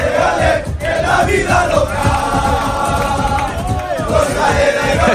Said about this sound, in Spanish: Pues así precisamente canta la afición malaguista. Sí, señor.